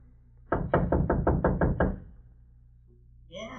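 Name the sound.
knocking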